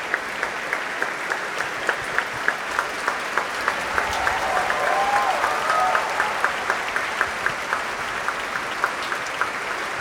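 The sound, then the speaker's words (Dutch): Sustained applause from the audience in the main hall of the Concertgebouw in Amsterdam, for Nathalie Stoetsman after her conducting debut, dense and steady throughout, with a few sharper individual claps standing out in a regular pulse, swelling slightly in the middle. “Groot applaus hier in Amsterdam, in de grote zaal van het Concertgebouw.”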